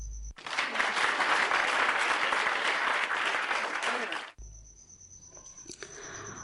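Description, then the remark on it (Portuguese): A burst of steady, dense clapping from a small group lasts about four seconds, then cuts off abruptly, leaving quiet with a faint high-pitched tone. “Palmas para todos.”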